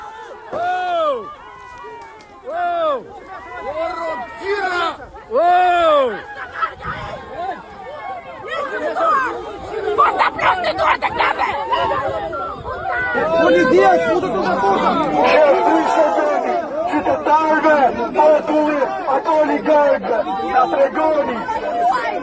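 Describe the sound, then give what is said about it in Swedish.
Angry demonstrators gathered at a fenced area bought by a private company and ringed by private guards shout over one another in a loud, continuous crowd din, many raised voices overlapping with strained, rising cries and no pauses throughout, shouting that this is the residents' land and not to defend the oligarchs. “Det är upprörda människor. Ja, det är väldigt upprörda människor.”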